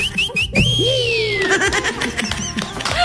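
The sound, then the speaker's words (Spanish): A person whistles a few short rising notes, then a long gliding tone that slowly falls in pitch, fairly loud, with background chatter and noise underneath. “le mete su silbido, le mete su silbido.”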